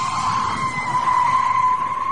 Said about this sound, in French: On va faire écouter un bruit, à vous de deviner, le pneu, ainsi que les jantes qui vont avec. Petit grincement de pneu d'une voiture, écoutez bien.